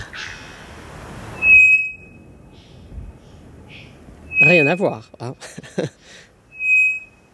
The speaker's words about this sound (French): Donc ici, ce qu'on appelle des sifflements plats. Donc, qu'est-ce qu'on observe? C'est que la fréquence ne change pas, donc elle est continue. Ici, c'est un oiseau qu'on appelle l'Araponga, qui vient d'Amazonie.